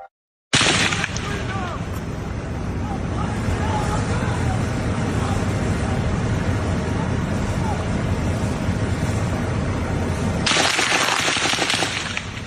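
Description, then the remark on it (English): Repeated sharp gunshots crack as a gunman opens fire and police officers crouch behind their cars, in a dense, noisy outdoor scene with a steady roar of wind and traffic-like noise and indistinct voices in the background; the bursts grow louder near the end. “Video from the scene shows police officers crouching down behind their cars as gunshots rang out.”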